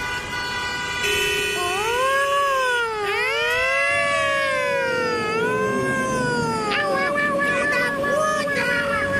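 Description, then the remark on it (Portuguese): A wailing siren rises and falls in long sweeping tones, loud, layered with other pitched tones as part of the Jornal da Mix news bulletin jingle. “Não ouvi nada, eu só ouvi sirene.”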